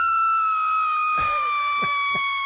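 A woman lets out a long, high-pitched excited scream that holds one steady shrill pitch throughout, loud and close, with a few short thumping bursts of noise underneath.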